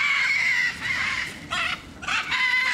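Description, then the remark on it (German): Hungry macaws squawk loudly in a string of harsh, raspy screeches as keepers arrive with a cart of food, several calls overlapping and repeating with only brief dips between them, no talking. “Die haben schon ein bisschen Hunger und dann kommen die witzigerweise immer ganz nach vorne geflogen und schreien ein bisschen rum, sind ein bisschen laut.”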